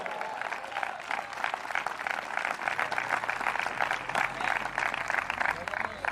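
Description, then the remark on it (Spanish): An audience applauds steadily for about six seconds, a dense, even wash of many hands clapping at moderate loudness, with a faint low hum underneath and scattered crowd voices mixed in. “Dele fuerte ese aplauso si entendió algo esta noche.”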